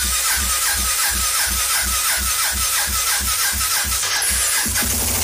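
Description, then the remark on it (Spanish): A motorcycle engine being cranked by someone trying to start it, over and over in a steady, rapid chugging rhythm, loud, struggling without catching or firing up. No voices are heard. “Espérate, me acomodo aquí porque necesitamos prender la moto.”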